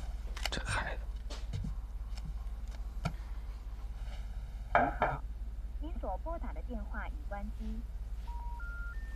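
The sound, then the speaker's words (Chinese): A short run of telephone keypad dialing tones as someone dials to phone a person, several separate steady beeps stepping in pitch near the end, quiet, after some clicks, knocks and warbling electronic sounds over a low hum. “别着急，我给他打一电话。”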